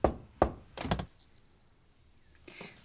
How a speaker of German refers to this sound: Passt auf, wenn ihr uns hören könnt, dann klopft ihr dreimal. Wenn ihr uns nicht hören könnt, dann viermal.